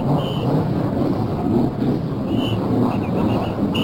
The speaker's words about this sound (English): There are those famous words from Tony Holman to start the race, and immediately the car is in the field. Starting up. Now we're going to listen to the cars start up. Here they are.